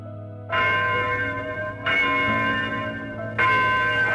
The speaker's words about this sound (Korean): 만기 4278년 8월 15일 일본 제국주의의 압박과 서름에서 해방되는 날, 자유의 종소리는 삼천리 방방곡곡에 울렸으며